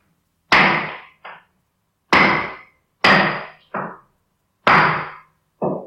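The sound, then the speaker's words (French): A hammer bangs four times at an uneven pace, each loud blow ringing briefly and followed by a softer rebound knock, with silence between strikes and no voices. “T'es là dans ta maison et tu commences à entendre des bruits de marteau.”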